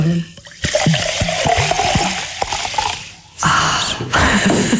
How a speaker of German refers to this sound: Das wäre zum Beispiel ein geräuschvoll hergestelltes, geräuschvolles Lebensmittel. Sprudel gehört, glaube ich, zum Genuss von sprudelndem Mineralwasser auch dazu.